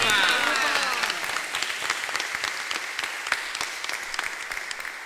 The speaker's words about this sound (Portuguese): E acolhemos a imagem de Nossa Senhora da Salete com uma bonita salva de palmas.